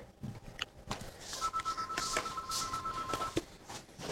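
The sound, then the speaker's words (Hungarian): The telephone of Tilos Rádió, on 90.3, rings during a broadcast with a steady electronic two-tone buzz lasting about two seconds, heard over a noisy, hissy background with some faint clatter. “A Szabad és Független Tilos Rádiót halljátok 90.3-on, és csüng a telefonunk, gyorsan felveszem.”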